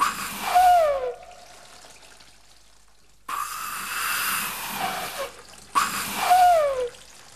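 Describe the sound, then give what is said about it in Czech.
Water gushes out of a whistle instead of a whistling tone in three splashy bursts, each with a gurgling, downward-sliding whistle-like tone, separated by brief quieter pauses. “Píšťalko, teče z tebe jenom voda.”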